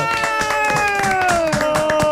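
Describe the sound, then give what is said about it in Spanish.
Steady applause from an audience welcoming comedian Primo Rojas on the show Impresentables, a dense patter of clapping with a sustained, slowly falling musical tone running over it, fairly loud throughout. “Está hoy con nosotros, un fuerte aplauso para el señor Primo Rojas.”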